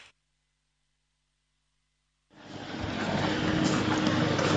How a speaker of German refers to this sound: Wir befinden uns hier auf dem Gelände des Rodeo Trevol. Hier ist ganz reger Verkehr. Viele Schüler sind heute auch noch unterwegs hier bei ausgezeichnetem Wetter.